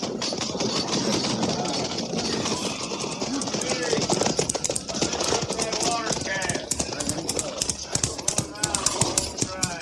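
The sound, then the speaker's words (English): Horse hooves of a single rider coming toward a halted column clatter in quick, uneven beats that grow denser and louder partway through, over a busy background with indistinct voices. “Ryder coming this way, sir.”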